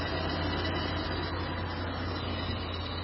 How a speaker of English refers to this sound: So hearing that noise every time I'm shifting up and down, like the engine speed up, I hear that sound.